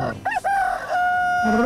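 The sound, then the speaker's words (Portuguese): A rooster crows once, loud, its call rising in a couple of short bursts before stretching into a long, sustained note that trails off. “galo, galo, galo, galo, galo, galo, cantando.”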